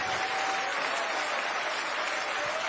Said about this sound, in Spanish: Den un aplauso al Señor Todopoderoso. Aleluya.